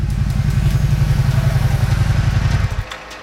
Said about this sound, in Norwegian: Det var en kul lyd I den sykkelen her. Hva slags sykkel det? Det bare en 650, en Suzuki.